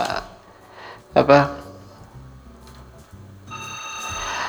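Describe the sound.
A telephone rings with bright, warbling electronic tones as a call comes in to a radio song-request program. A louder burst comes early, then the tones fade and return steadily toward the end, with faint voices underneath.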